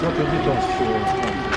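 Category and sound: signal or alarm, air raid siren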